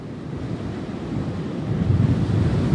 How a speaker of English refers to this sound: And I see the wind and I hear the waves.